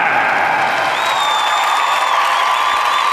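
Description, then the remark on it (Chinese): A crowd applauds loudly and steadily for about three seconds for a home Zhengzhou team fighter being introduced at a combat sports bout, a dense unbroken wash of clapping, with a thin high whistle rising briefly over it partway through. “我们来掌声送给”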